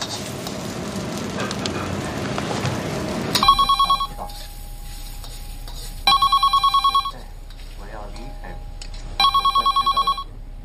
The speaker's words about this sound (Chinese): 电话你不知道接一下啊？